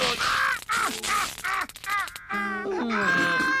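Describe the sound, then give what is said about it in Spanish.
Several harsh, raspy crow caws in quick succession, loud, followed by longer strained, squawking calls; it has a cartoonish, exaggerated quality. “¡Cuidado, cuervo! ¡Esta vez te atraparé!”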